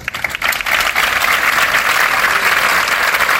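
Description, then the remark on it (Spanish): Sustained farewell applause from workers of the San Juan de Dios Social Centre in Málaga, a dense steady patter of many hands clapping at an even, loud level throughout, with no voices standing out. “Era el aplauso con el que le han despedido sus trabajadores del Centro Social San Juan de Dios de la capital malagueña.”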